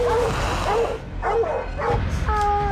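A dog chasing a mountain lion gives a short run of excited barks and high yips, several bursts in quick succession, loud over a noisy outdoor background, ending with a drawn-out tonal whine.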